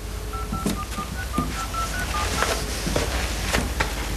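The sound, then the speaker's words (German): A telephone redial: a rapid series of short electronic keypad tones, about a dozen beeps in quick succession, played over a steady background hiss with some faint clicks near the end. “Ja, ich mach mal Wahlwiederholung.”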